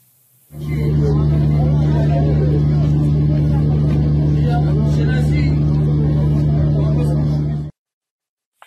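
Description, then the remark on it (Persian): Steady, loud engine drone of crowded cars in heavy, slow-moving traffic in front of Bagh-e Rezvan cemetery on the mornings of 20 and 21 Dey, a constant low rumble with a humming tone that starts abruptly and holds for about seven seconds before cutting off. “ویدیویی ببینیم از ازدحام خودرو مقابل باغ رضوان در صبح 20 و 21 دی ماه.”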